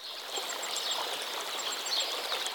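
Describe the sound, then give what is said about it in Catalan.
High, thin chirps of hundreds of swallows repeat rapidly as they fly over green fields of grain, feeding on insects, over a steady, hissing outdoor background. The calls are faint, with no voices present. “L'escena no pot complementar-se millor que amb els centenars d'oronelles per tot arreu que sobrevolen aquest horitzó vegetal amb vols fulgurants de blau metàl·lic.”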